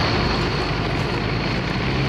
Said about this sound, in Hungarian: túlordítaná a 2-500 lóerős motort